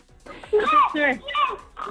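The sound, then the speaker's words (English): A person does a playful vocal imitation of snoring to answer "false" in a quiz: a few voiced, buzzy bursts with wavering, gliding pitch, rising and falling in quick succession, fairly loud and with no other sounds. “Can we hear a little snippet of your snore?”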